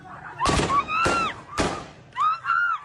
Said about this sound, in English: The violence used by the Taliban to break up the protest is evident in videos that have emerged from Herat. Live fire is used to disperse the crowd, and people are seen being hit with rifles and long white sticks.